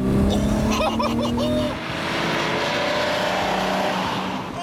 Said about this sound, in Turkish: Elbette hayır, sadece kaputun altındaki Ferrari V6'nın kükremesini duymak istiyorum. Hadi dostum, vites düşür ve şu canavarın sesini dinlet bana. Bas gaza!